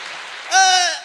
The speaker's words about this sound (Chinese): 我们请二位老先生为我们带来一段相声。 哦， 掌声有请。